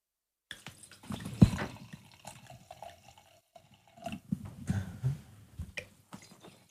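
Wine from a freshly opened screw-cap bottle pours in a few short gurgling bursts, fairly quiet, with small splashes and drips between pours as glasses are filled; no one speaks.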